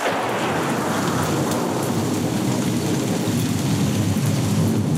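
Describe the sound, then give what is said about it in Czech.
A thunderstorm: steady, heavy rain hisses throughout while low thunder rumbles and rolls underneath, loud, with no voices present. “3, 2, 1, bouřka a já ještě dodávám hromy a blesky, třesky, plesky.”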